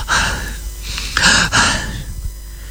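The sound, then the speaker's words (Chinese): A voice imitates the heavy, labored panting of Wu Dalang lying on a bed upstairs in Pan Jinlian's house, about four ragged, breathy gasps in quick succession, fairly loud, with no words spoken. “武大郎还在那喘气儿呢。”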